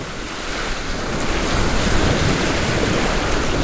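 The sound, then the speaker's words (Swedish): Continuous rushing of sea water against a sailboat's hull as it moves through waves on its maiden voyage, its first time at sea, mixed with steady wind noise buffeting the microphone, fairly loud, with no voices. “Det här är första gången båten är ut på havet.”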